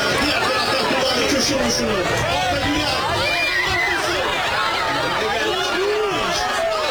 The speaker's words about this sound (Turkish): Yine görüntüyle birlikte tezahürat sesleri de ekranlarımıza geliyor.